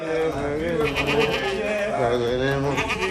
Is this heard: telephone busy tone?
no